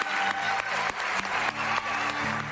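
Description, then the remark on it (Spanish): Steady, loud applause from an audience, a dense wash of clapping with a few sharper claps standing out, while a low musical tone hums underneath. “Así que un fortísimo aplauso para toda esa xente que sin elas nós non somos nada.”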